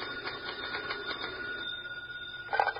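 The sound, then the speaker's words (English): A telephone rings in an FBI field office in the evening as an agent writes a report, a quick, repeating electronic trill at a steady pitch, fairly quiet against a low hum, ending in a brief louder click or bump. “Later that evening at the FBI field office in a nearby city, Special Agent Taylor is writing a report when his phone rings.”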